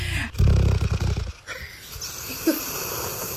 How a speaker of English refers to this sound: Don't worry, Gertie, we all snore sometimes.